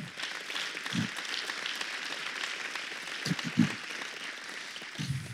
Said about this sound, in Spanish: Gloria a Dios. Aplaudamos a nuestro Señor Jesucristo.